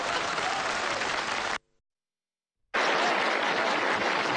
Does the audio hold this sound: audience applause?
yes